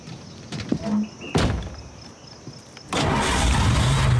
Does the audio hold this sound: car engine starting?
yes